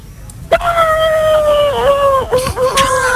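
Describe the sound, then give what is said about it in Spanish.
A person's voice imitates a horse neighing, but it comes out as one long, sustained, wavering howl-like cry lasting nearly three seconds, loud, with a slight dip and quiver near the end. “Un poco lobo, ¿no? Bueno, el caballo un poco regular, ¿no?”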